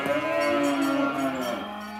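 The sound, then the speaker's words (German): A cow being brought out of its box and onto a transporter moos in one long, loud, low call with strong harmonics, rising slightly then sliding down as it fades near the end. No one speaks over it. “Wenn eine Kuh hochgeht, lass sie hochgehen mit.”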